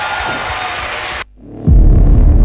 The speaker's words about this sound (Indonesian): Sekali lagi saudara berikan tepuk tangan yang terdahsyat bagi Tuhan.